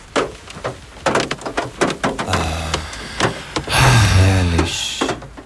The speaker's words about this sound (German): Das sind natürlich Regentropfen auf dem Autodach. Ich weiß nicht, was ihr dachtet. Es ist auf jeden Fall das Geräusch des Morgens.